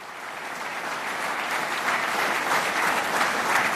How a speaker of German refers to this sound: Applaus für die Basler Madrigalisten und das Triades-Konsort zum Ende ihres Konzerts. Das begeisterte Publikum entlockt ihnen noch eine Zugabe.